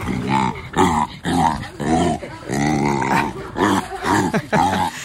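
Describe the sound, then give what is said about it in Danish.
Markus, a three-month-old jaguar cub at Randers Regnskov, growls while being fed rabbit, trying to keep the rabbit for himself: a string of loud, raspy bursts, about seven in quick succession with brief pauses, each a rough, throaty snarl rising and falling in pitch. “Sådan her lød det i går, da Randers Regnskovs 3 måneder gammel jaguar-killing Markus blev fodret.”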